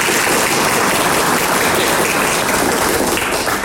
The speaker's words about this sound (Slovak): Prosím, privítajte ho potleskom.